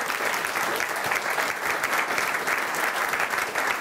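An audience applauds to welcome a guest on an election programme, a dense, even patter of many hands clapping at a consistent loudness throughout, with no voices standing out.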